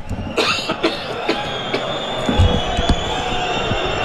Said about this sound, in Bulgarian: Все още играта не е подновена. Чувате усвиркванията, които са по адрес на Димитър Шейтанов, който бави подновяването на играта с левия крак.